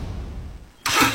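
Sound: car engine revving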